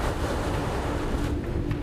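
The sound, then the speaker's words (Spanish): A steady, loud roar of wind and churning stormy sea, a dense rumbling wash with no pauses and no voices, in bad weather with hurricane-force gusts expected on the North Sea at the port of Emden, Germany, as the tide falls. “El mal tiempo y la tormenta llegaron antes de lo esperado.”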